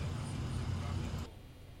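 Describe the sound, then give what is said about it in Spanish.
Steady low rumble of idling and slow-moving vehicles in heavy, congested road traffic in the northern zone, a continuous engine drone that drops away abruptly near the end. “Nos mandan videos y nos dice, así luce el tráfico.”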